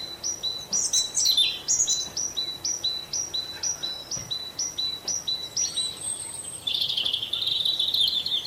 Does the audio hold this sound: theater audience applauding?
no